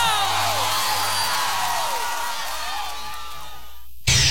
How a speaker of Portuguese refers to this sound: salva de palmas para o Wesley Salvador.